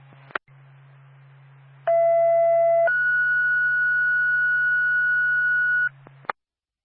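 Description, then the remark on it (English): A radio dispatch paging tone, the second tone for Twin State Woodsville Ambulance backup on a mutual aid call to Fairley, Vermont: a click, then a steady low hum, a one-second lower tone, and a longer, higher steady tone lasting about three seconds, ending with another click. “Twin State Woodsville Ambulance backup. Second tone.”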